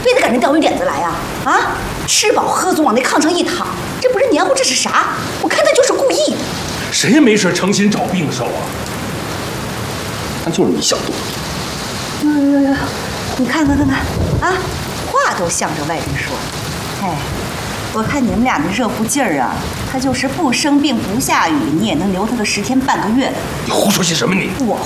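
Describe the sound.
Steady heavy rain falling outside hisses continuously in the background while people talk over it indoors, the downpour forming a constant wash of noise beneath the voices.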